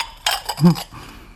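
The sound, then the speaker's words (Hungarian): Tableware clinks and rattles briefly as two large plates, two small plates, two knives, two forks and two glasses are set down on a table, a short cluster of bright knocks and chinks. “Két nagy tányér, két kicsi. Két kés, két villa. Két pohár.”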